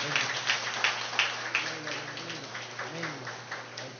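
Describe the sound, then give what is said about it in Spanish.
A crowd applauds everyone on this day, in a dense, steady wash of clapping, with a few sharper claps early on, while voices murmur and call out underneath before the applause gradually thins. “Bueno, el aplauso para todos en este día.”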